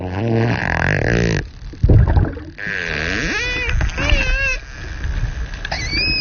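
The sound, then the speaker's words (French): Dolphin sounds: very closely spaced rapid clicks forming a dense, droning buzz, then sharp pulses and a closing series of high, wavering squeaky whistles that rise and fall, with no one talking. “C'est bien un dauphin qu'on entend là.”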